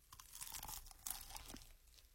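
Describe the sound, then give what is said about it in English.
Crisp crunching as someone bites into a large, well-done, crispy chicken wing, a quick series of crackly, tearing bursts over about two seconds with no talking. “Eat the wing so we can hear the crunch.”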